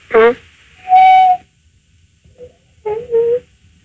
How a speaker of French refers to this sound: Est-ce que vous l'entendez? Je l'ai entendu là, oui. Je dois parler doucement. C'est un perroquet, hein? Croisé coucou pivert.